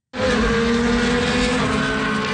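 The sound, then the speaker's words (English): A race car engine at the annual Indy race in Markham, Ontario, on a 3.5-kilometre, 12-turn track roars loudly and steadily. It starts abruptly and holds a strong, buzzing high-revving drone throughout, intense, with no voices. “The annual race car competition has moved from Toronto this year.”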